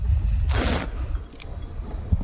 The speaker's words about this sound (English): That's great radio listening to me slurp and spit.